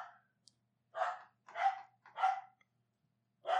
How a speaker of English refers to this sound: She's barking literally at the door. Hey. I know, Shelby. Quiet.